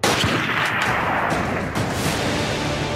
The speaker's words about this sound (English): He was returning home from Gate Hakima Police Station in Amritsar. Then came the gunfire.